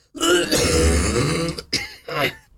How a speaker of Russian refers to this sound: Вы сдерживаете сколько-то секунд или даже минут, чтобы смачно, звучно кашлянуть. Раз, два, три, и